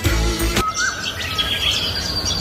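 Birdsong chirping steadily, with several high, bright calls overlapping after a brief low thump at the start; moderately loud, no voices.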